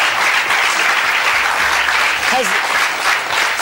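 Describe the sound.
Sustained audience applause welcoming a band's members, a dense, steady wash of clapping at full volume for the whole stretch, with a brief faint voice cutting through near the middle.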